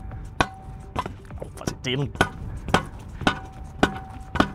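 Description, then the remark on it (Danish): A reporter hammers something into the ground with steady hammer blows, sharp thuds landing roughly every half second, with a brief voice sounding in the middle of the series. “Det er selvfølgelig lidt sjældent, at det er reporteren, der står og banker skidt i jorden”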